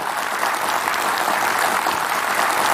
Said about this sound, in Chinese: 我想我们这一刻真的应该再次把掌声送给我们中国的电影工作者，他们的努力，他们的用心。